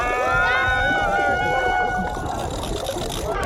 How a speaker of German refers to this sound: Los! Rein ins Wasser über eine Superrutsche.